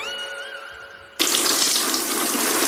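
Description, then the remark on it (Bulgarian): After a brief steady tonal hum, water suddenly starts pouring over a Triano BG cabinet in a bathroom, a loud, constant hissing rush like a running tap that continues to the end without any voices. “Защо поляш кафа в банята?”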